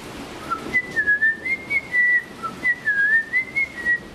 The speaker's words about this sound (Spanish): Nosotros no podemos cantar un acorde. Salvo por ahí los locos que hacen diplofonía y canto tibetano y esas cosas, que hacen varios sonidos a la vez, pero un mortal como nosotros puede silbar más o menos afinado una melodía.